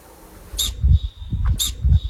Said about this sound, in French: Le bouquetin? Le bouquetin, oui, c'est le bouquetin.